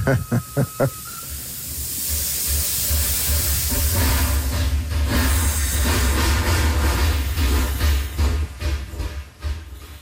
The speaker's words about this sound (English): It's a chugging sound, eh? Like, I can still hear it in my mind. And it's the steam coming out of the engine. So he would stop and stop teaching until the train went by.